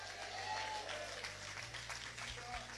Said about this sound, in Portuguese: Pode se assentar. Com palmas para Jesus, bem alegre. Quem pode dizer glória a Deus?